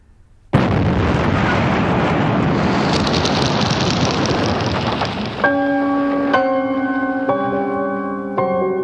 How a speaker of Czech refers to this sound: Slyšeli jsme výbuch. Je to skutečně u té plazmy.